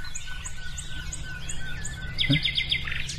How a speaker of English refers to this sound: The wren, isn't it? Or the wren, isn't it?